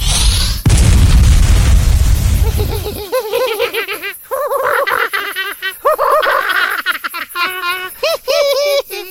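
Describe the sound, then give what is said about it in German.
A loud, rumbling fireball explosion roars for about three seconds, then cuts off into a stretch of high, bouncy cackling laughter. “Reicht dir der Feuerball nicht? Du kannst noch einen haben.”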